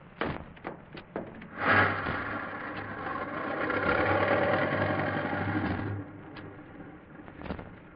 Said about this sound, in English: Hey, here comes the car around the bend. It's the first one in a couple of hours. Yeah, that's the mail truck.